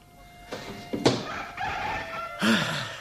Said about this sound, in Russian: О, слышишь? Третьи петухи.